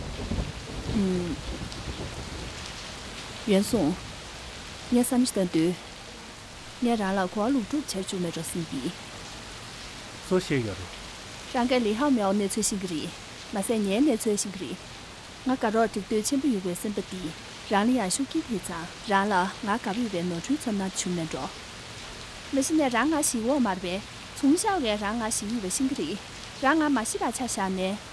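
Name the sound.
rain falling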